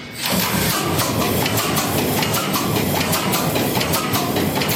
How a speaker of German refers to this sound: irgendwie das Schwungrad, irgendwie die Kolben in der richtigen Stellung, haben Kühlwasser offen, haben den Öl vorgepumpt, machen jetzt die Druckluftflasche auf und hoffen, dass wir noch genug Druck haben, um den Motor anzuwerfen. Dann geht das los.